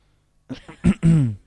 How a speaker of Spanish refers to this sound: La tos.